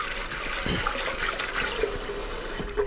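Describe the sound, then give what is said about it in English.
Water runs and sloshes steadily for a few seconds, a continuous splashing rush as pre-soaked chana dal is rinsed and swirled by hand in water, with no talking. “We're just going to give a rinse to the pre-soaked chana dal to make sure it's all cleared out.”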